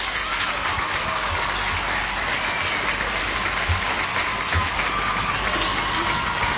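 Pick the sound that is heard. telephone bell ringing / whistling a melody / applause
applause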